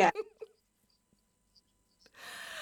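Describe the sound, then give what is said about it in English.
A single loud sneeze bursts out at the start, trailed by a couple of small gasps. A stretch of near silence follows, then a soft, steady rush of breathy noise. “bless you, that just shows how humble you are.”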